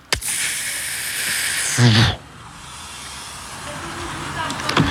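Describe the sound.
A voice imitates a bus door opening: a long breathy hiss, a brief voiced rumble in the middle, then a softer trailing hiss, fairly loud, with no other talk.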